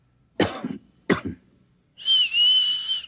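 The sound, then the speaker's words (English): Two sharp coughs about half a second apart, then a steady, fairly loud whistle held for around a second, with no talking; the coughs and whistle are a recognition signal between two people. “Look, I'll cough twice, like this. And you whistle back.”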